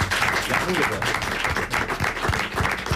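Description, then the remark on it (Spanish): A studio audience at a live Radio Euskadi programme applauding, a dense, steady patter of many hands clapping that holds for the whole few seconds without fading. “Así que un aplauso a los conquistadores.”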